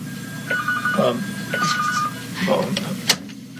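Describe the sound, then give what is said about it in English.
A telephone rings twice in short, warbling electronic bursts at a steady rhythm, clear, with a murmur of voices and room noise underneath, at radio station WBCQ during a live broadcast. “I don't know what phone that is.”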